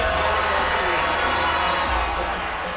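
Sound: crowd of protesters booing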